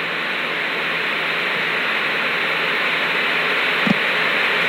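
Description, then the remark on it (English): A steady, loud wash of analog television static from a TV screen showing nothing but static, with no analog stations left to receive, hisses without pause, a dense even crackle filling the whole stretch, with one faint click near the end. “Well, there's nothing but static on the screen.”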